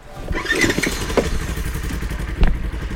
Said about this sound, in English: We pass by a firefighter crew with chainsaws cutting down small trees, but no cows. Did you hear a cow or a chainsaw? I swear it was a cow. When we were on the other side of the tree, the chainsaw does sound like a cow.